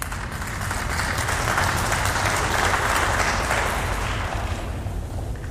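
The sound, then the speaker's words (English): An audience breaks into steady applause, many hands clapping in a dense, continuous patter that holds at an even loudness throughout, with no voices standing out. “I hope that those of you who didn't clap also agree.”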